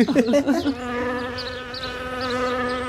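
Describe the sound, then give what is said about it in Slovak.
After a brief burst of speech, a steady buzzing drones on like a flying fly, most likely a voice imitating the insect's hum rather than a real one. “Pozor, letí mucha.”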